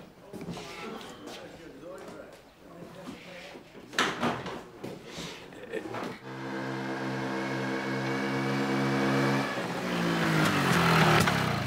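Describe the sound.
Muffled talk and clatter give way to the engine of a moped parked outside, droning steadily with a buzzy, even tone, growing louder and rising in pitch as it revs toward the end.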